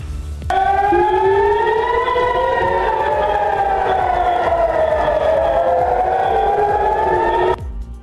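Loud, sustained air raid sirens wail across Israel after Iran launched ballistic missiles at Israel, with overlapping rising and falling tones, filling the space for several seconds before cutting off abruptly, with a low rumble of background noise underneath.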